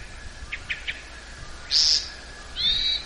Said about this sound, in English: Oh, that was also the call note or the sound that a hermit thrush makes.